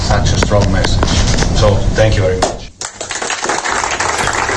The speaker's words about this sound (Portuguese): Estes aplausos que ouvimos são dos jogadores do Irão, para o presidente da FIFA, depois da seleção iraniana empatar 2-2 com a Nova Zelândia.